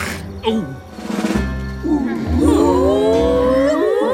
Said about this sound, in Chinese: 看看猎狗们都笑成什么样了。 我觉得他们不是在笑，这应该是他们准备捕猎的时候发出的声音。